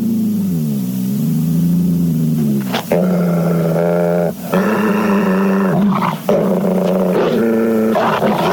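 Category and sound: animal, wolf dog growling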